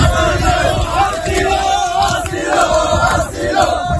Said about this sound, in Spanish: ¿Lo han escuchado? Al grito de asilo, asilo, han vuelto a acampar con lo que tienen en la arena.